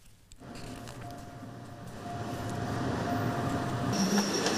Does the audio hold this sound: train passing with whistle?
yes